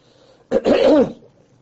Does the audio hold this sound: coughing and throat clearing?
yes